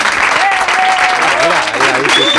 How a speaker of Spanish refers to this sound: Oye, si los aplausos no llegan, no pasa nada, ¿eh? Los hacemos nosotros. Mira.